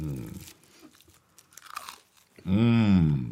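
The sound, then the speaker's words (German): Someone crunches and chews on toasted brioche with goose foie gras from Duperrier, a soft irregular crackle, bracketed by voiced sounds and ending in a long, loud, rising-and-falling hum of pleasure. “Das ist die beste Foie gras, die ich je gegessen habe.”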